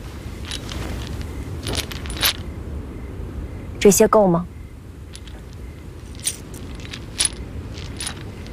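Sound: silver coins clinking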